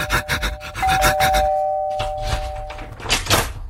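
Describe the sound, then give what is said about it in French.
A man rings his neighbor's doorbell, which chimes with a sustained, ringing tone lasting a couple of seconds, layered over rhythmic scraping or rubbing noises that continue around it. “Alors il court chez son voisin. Il sonne.”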